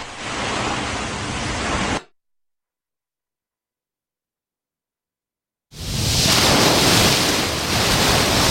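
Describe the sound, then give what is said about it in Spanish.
Steady, loud rushing of sea waves washing onto a beach on a summer afternoon, broken by a few seconds of complete silence before the surf returns just as strong. No voices. “bienvenidos, bienvenidas a la playa que se escucha por la radio y a la radio que se viene a la playa para emitir en directo, como siempre,”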